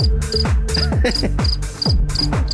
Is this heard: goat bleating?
no